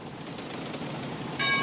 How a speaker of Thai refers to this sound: ที่นี่สถานีรถไฟพัทธลุงท่านที่จะเดินทางไปกรุงเทพกรุณาตรวจดูสิ่งของสัมภาระของท่านให้เรียบร้อยการรถไฟแห่งประเทศไทยขอขอบคุณทุกท่านที่ใช้บริการสวัสดีค่ะ